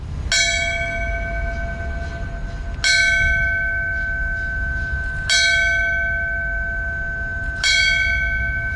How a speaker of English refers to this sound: A bell ringing at the Falmouth Fire Department signifying the end of a firefighter's duty. The ceremony also included a broadcast over a police scanner honoring those who died during the terrorist attacks 25 years ago.